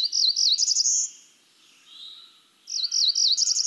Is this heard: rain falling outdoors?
no